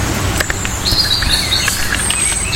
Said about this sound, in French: Là, on a les deux. On a le rouge-gorge au-dessus de nous et le merle un petit peu plus loin. Ces deux oiseaux qui sont bien présents en Normandie.